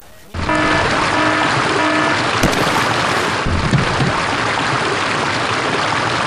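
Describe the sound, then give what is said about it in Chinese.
Loud, continuous rush of fast-moving floodwater on a flooded road at the junction of Qingyunhu Avenue and Zhenghua Road in Duyun, Qiannan, China, after a sudden rainstorm, fills the scene after a brief quiet start, a dense roaring wash, with faint mechanical hum and a few knocks underneath. “这个电瓶车太重了，然后她的脚被压在那儿，然后这个水流太大，就一直把她从最开始摔倒的位置往下冲。”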